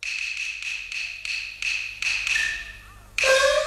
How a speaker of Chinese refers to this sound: 外边何人叩门？